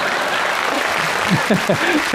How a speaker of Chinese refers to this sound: 谢谢啊，谢谢您稀稀拉拉的掌声。